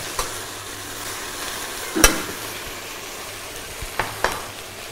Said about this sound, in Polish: To nam się wszystko podsmaża, poddusza.